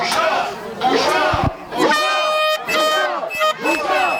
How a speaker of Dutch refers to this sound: Een schande, schreeuwen de demonstranten in het Hebreeuws. Zo'n 30, 40 mensen zijn op het protest afgekomen.